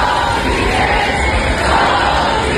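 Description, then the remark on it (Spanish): A loud, dense protest crowd of campers from Sol in Madrid shouts "cómplices" at the Congreso de los Diputados, many voices blending into a steady roar of yelling with no pauses across the whole stretch. “Parte de los acampados en Sol se dirigieron anoche hacia el Congreso de los Diputados, donde les gritaban cómplices después de que PP, Vox y Junts tumbaran el decreto antidesahucios.”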